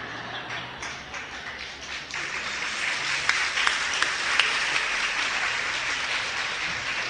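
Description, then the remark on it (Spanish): An audience breaks into applause, a dense wash of clapping that swells after a couple of seconds and holds steady, with a few sharper claps standing out near the middle. “Las que aplaudieron me están dando la razón porque se casaron con su lagartija.”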